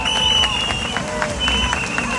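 A large crowd applauds steadily at a rally for a 92-year-old woman who marched with them and for her daughters, dense clapping with cheers mixed in, while a few sustained whistle-like tones ring out over the noise.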